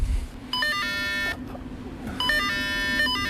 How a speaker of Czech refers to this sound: Ivana nám rozdává vstupenky na lanovku, zvonek cinká, my si pípneme.